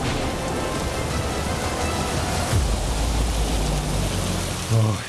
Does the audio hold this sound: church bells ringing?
no